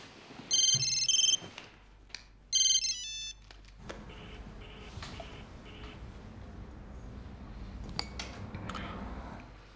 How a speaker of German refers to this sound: Gehst da jetzt ran oder schaltest das Handy aus?